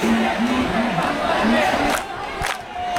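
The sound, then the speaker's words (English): A large crowd of protesters in India chants slogans in unison, "Where does the vote theft happen? In the office of the BJP," voices rising and falling in a steady rhythmic cadence over dense background noise, loud and continuous throughout. “Crowds chant, "Where does the vote theft happen?" In the office of the BJP.”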